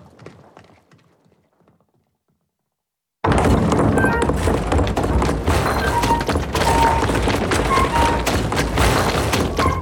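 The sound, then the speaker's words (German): After a few quiet seconds, a stamping mill processing rags bursts in loud, a dense, continuous barrage of heavy pounding thuds with clattering machinery that carries on steadily to the end. “Die Faulkammer überspringe ich. Und geh gleich zur Stampfe.”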